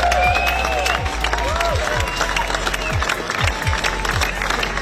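Hundreds of fans burst into loud, sustained applause as a procession brings a late singer home through the Mumbles, her coffin draped in the Welsh flag: dense clapping with scattered cheers and whoops, steady throughout, over a run of low, regular thumps.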